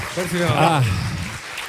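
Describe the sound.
An audience claps steadily in a dense, noisy wash while a loud voice calls out over the top, its pitch rising and falling through the short burst of applause.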